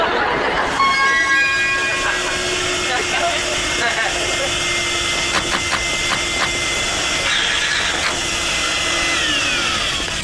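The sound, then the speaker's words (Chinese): A vacuum cleaner cleaning up runs loudly and steadily for the whole stretch, a dense roaring hiss with a high, whining motor tone and a few brief clatters along the way. “我这个吸尘器很奇妙吧。”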